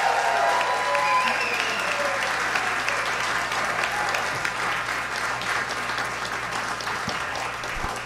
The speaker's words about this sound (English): Now I know you guys can clap.